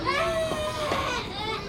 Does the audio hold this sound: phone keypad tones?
no